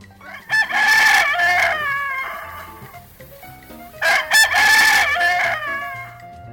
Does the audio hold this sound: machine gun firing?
no